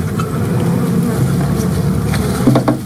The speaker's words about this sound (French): Le son des abeilles domestiques, c'est un champ de recherche à part entière.